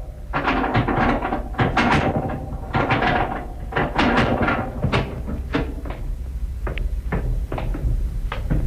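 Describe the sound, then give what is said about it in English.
A heavy hidden door behind a hinged section of shelves swings out from a cellar wall with a steady scraping creak and a string of knocking, rattling clunks over several seconds, fairly loud, with no voices. “Section of shelves hinged to swing out from the wall, eh? With a heavy door behind.”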